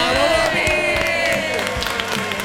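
A crowd breaks into steady applause mixed with cheers and whoops, a dense, loud wash of clapping with shouting voices rising over it throughout.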